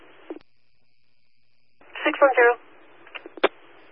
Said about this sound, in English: 610, that's nothing but static.